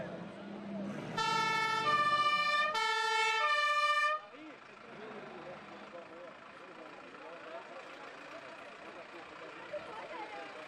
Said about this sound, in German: Und zum Schluss haben wir natürlich das Schlussfahrzeug vom Umzug, unsere Feuerwehr.